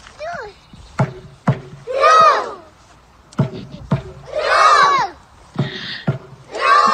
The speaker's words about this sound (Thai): ท่าเชียร์พายเรือค่ะของชาวนอร์เวย์ที่นั่งเรียงกันเป็นแถวแบบไวกิ้งนะคะแล้วก็พร้อมใจกันร้องตะโกนกึกก้อง